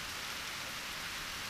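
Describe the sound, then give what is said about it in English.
Steady rain falls in a continuous, even hiss with no breaks, fairly soft and diffuse, like a shower pattering on surfaces. No voices are heard. “It looks like you guys are getting soaked. Yeah, he's right. What now? Yeah, what now? Something that likes the rain.”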